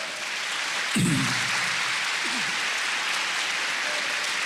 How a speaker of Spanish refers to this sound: Yo creo que el Señor se merece un aplauso, ¿cierto?